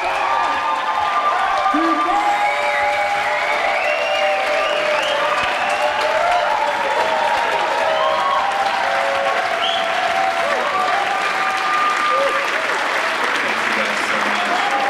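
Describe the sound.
A large crowd applauds steadily with scattered cheers and whoops, a dense, continuous wash of clapping that stays loud and sustained from start to finish, with voices calling out within it.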